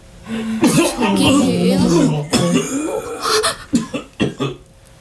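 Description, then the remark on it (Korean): A strained, groaning voice gives way to a series of harsh, violent coughs from several men coughing up blood, several bursts sputtering one after another, with ragged throat-clearing toward the end as they sink to the ground. “그리고 맨 앞에 선 남자까지 모두 피를 토하며 심하게 기침을 했고 자리에 주저앉았다.”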